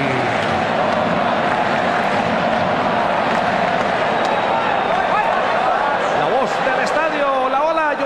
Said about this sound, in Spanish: La pelota para el conjunto japonés. Empieza a animar, empiezan a aplaudir los nipones en todas las graderías. Escuchemos. Del AT&T, a ver cómo suena el estadio AT&T.